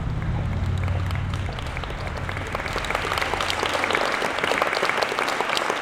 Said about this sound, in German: Dann der erste Applaus.